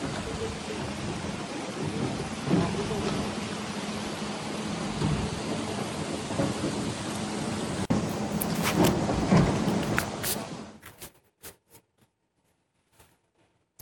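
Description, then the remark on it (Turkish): Heavy rain pours down in Sakarya or Bursa, Turkey, in a dense, steady roar for about ten seconds, with no voices, then cuts off abruptly to near silence broken only by a few faint ticks. “Ve ciddi anlamda hem Sakarya'da hem Bursa'da kuvvetli yağış günlük yaşamı olumsuz etkiliyor.”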